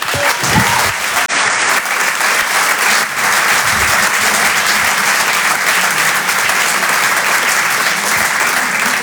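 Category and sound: crowd, audience applause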